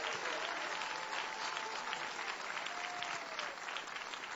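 An audience applauding the Lord for the work of the Fundação Reviver, a dense, steady wash of clapping from many hands that holds at an even level throughout, with a faint whistle or tone rising briefly above it.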